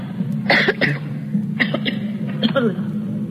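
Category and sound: human body sound, woman coughing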